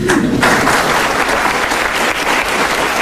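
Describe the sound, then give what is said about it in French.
A room full of people claps steadily and loudly for a few seconds, a dense, continuous wash of applause with no voices standing out. The audience in the hall is applauding a comb-music teacher who is present, during an evening comb-playing performance. “On peut l'applaudir d'ailleurs.”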